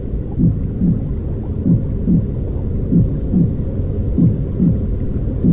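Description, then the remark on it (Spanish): Sounds heard inside a mother's belly: a muffled, low watery rumble, steady throughout, with soft paired whooshing pulses of the mother's heartbeat repeating about every second and a quarter. No one speaks. “Estos son los sonidos que escuchamos dentro de la panza de las madres, ¿no? El sonido del agua que es parte después de toda tu vida, de todo tu camino.”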